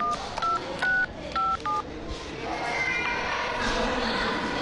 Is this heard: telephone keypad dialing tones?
yes